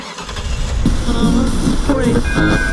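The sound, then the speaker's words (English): A steady rumble of an Auckland Transport passenger train on the rails fills the scene, fairly loud and continuous, with indistinct voices murmuring over it. “Oh, it'll be our millionth time going to the art gallery, but our first time taking the train.”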